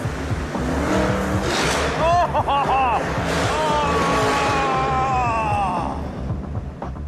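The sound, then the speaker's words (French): A V8 car engine, the second of several cars driven up in turn, revs loudly and steadily for several seconds as it is told to accelerate, its deep rumble rising and falling in pitch, with faint voices underneath. “Ça, c'est un V8.”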